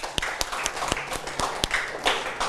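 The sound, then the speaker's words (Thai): A group of students in a classroom clap in applause for their fellow students, a steady patter of many overlapping hand claps with a few sharper individual claps standing out, moderately loud and with no talking. “ครับดีมากเลยครับปรบมือให้เพื่อนนักเรียน”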